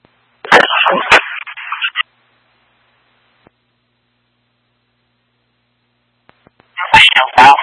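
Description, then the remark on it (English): A phone's warbling ring tone comes through a radio, thin and crackly, in two separate bursts with several seconds of silence between them and sharp clicks at the start of each. “No, the phone started ringing on our end.”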